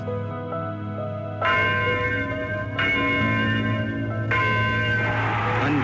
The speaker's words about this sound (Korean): 1278년 8월 15일 일본 제국주의의 압박과 서름에서 해방되는 날, 자유의 종소리는 삼천리 방방곡곡에 울렸으며